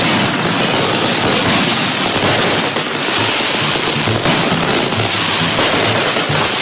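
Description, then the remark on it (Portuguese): Fireworks rockets (rojões), set off by seu Juca at the start of a church festival (quermesse) at 6:22, crackle and pop in a dense, unbroken barrage, loud and steady for several seconds with no voices. “Gente, tá começando aqui a nossa quermesse e o seu Juca vai soltar os rojões.”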